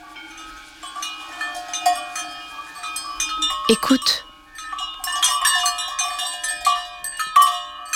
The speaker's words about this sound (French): Ce sont les cloches attachées au cou des vaches. Chaque vache a sa cloche. La reine des vaches, la maîtresse vache, elle, porte la plus grosse cloche. Quand toutes les cloches sonnent ensemble, cela fait un orchestre de cloches.